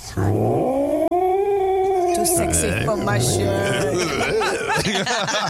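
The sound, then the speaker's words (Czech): An angry British shorthair cat yowls loudly: one long, drawn-out wail, then a run of rising and falling caterwauls that continue without a break for several seconds. “Já myslím, tohle, když posloucháš, mě to totiž připomíná našeho Arnio, co jsme měli Briťáka Kocoura. Když byl takový naštvaný a vždycky čekal na jídlo, jo, nebo měl nějaký problém.”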